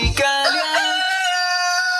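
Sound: rooster crowing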